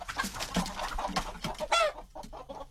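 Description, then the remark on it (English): Several chickens cluck and chatter in a busy, overlapping flurry, with one louder rising squawk near the middle before the calls thin out. “Oh, the joy of chickens.”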